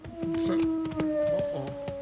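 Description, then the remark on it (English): A long, steady wolf howl from over a hill holds one sustained pitch for about two seconds, with scattered clicks and rustling underneath. “let's go find that wolf”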